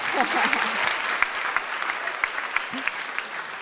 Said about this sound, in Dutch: Ja, dit is dus de 10e editie van Septemberme alweer. Echt een feestje. Woehoe! Applaus!